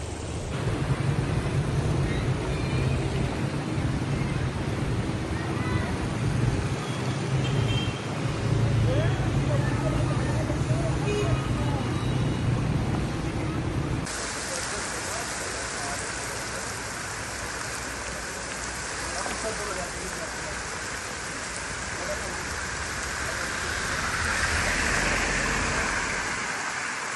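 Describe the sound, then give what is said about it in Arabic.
Floodwater rushes and splashes along a street by the Jarra roundabout in a steady, loud wash, deep enough that cars can barely pass, with a vehicle seeming to churn through the water and voices talking faintly beneath. “شباب هون تحت عند دوار الجرة، انتبهوا على المي ما شاء الله، أنا بدي حل تشوف البلدية مشان يجي يعمل المي، لأن السيارات ما عاد تحسن تمر الطرف.”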